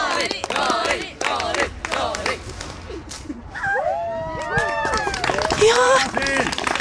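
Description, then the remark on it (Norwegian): A group of people cheer and shout loudly at the opening of a disc golf course at Blindheim as the first throw is made. Their overlapping voices rise and fall in excited calls that carry on without pause for several seconds. “Du fikk til og med heiarop her.”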